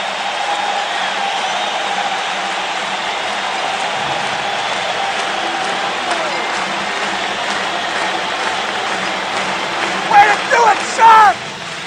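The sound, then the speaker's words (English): A dense, sustained roar of arena crowd applause and cheering at San Jose Arena, the crowd on its feet giving the San Jose Sharks a standing ovation as the second period ends against the Toronto Maple Leafs, steady and loud throughout, with a few sharp whistles and shouts rising near the end. “And the crowd on its feet to give the Sharks a standing ovation as the second period comes to an end.”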